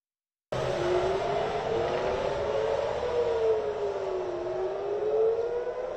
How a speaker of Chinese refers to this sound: 八号清晨，以色列特拉维夫响起警报。以色列国防军称，监测到一枚从也门射向以色列的导弹，导弹随后被拦截。